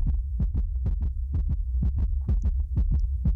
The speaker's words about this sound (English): That's what it is. The rapid heartbeat.